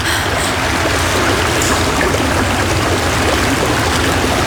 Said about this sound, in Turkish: Nehir yatağından taştı herhalde.